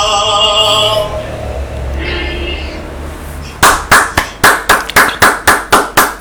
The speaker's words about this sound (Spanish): Ya estoy enviando miles de aplausos ahí. Aplausos digitales